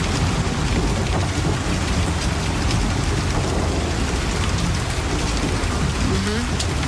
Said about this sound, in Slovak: Vidím to tam, sedím na balkóne a prší.